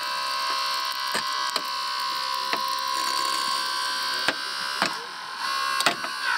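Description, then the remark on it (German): A hydraulic rescue cutter slices through a car, its steady mechanical whine broken by several sharp cracking snaps of metal giving way at irregular intervals. No one speaks. “Nur, dass wir das Auto kaputt schneiden.”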